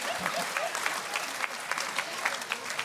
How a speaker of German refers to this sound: Tabakarbeiter und Tabakarbeiterinnen. Applaus bitte. Tabakarbeiterinnen. Yeah, an applaus. Thank you.